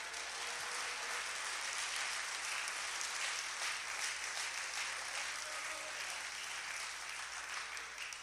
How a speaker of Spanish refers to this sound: ¿Cuánto le da un aplauso a Él en esta hora?